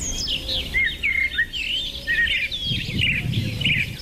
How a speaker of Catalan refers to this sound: Exacte, ocells com aquests, eh? Ara tots sabem que efectivament estem escoltant ocells, eh? Ocells que canten. Però quins són aquests ocells? Pot ser un morgot de matinada o és un rossinyol? Tal vegada és la murga rítmica, eh? D'una tórtora turca